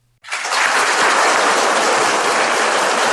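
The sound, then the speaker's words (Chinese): Warm, sustained applause from a large crowd bursts in after a brief quiet moment, then holds as a loud, dense, steady wash of clapping with no voices, as Chinese President Xi Jinping and Russian President Putin enter the opening ceremony of the China-Russia Year of Education at the Great Hall of the People in Beijing. “两国元首在热烈的掌声中一同步入会场。”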